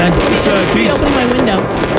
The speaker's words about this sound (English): Well, you know, the fireworks are still, I think that the fireworks are still going on. Yeah, they're going to be going on.